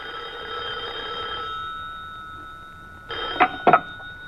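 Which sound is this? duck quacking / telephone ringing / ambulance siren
telephone ringing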